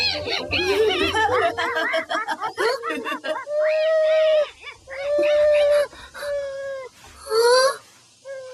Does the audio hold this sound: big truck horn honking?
no